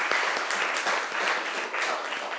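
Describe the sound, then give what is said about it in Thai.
A crowd applauds group 5 after their art presentation, many hands clapping in a dense, continuous patter that stays fairly even in loudness throughout, with no voices standing out. “ขอเสียงปรบมือให้กลุ่มที่5ครับ”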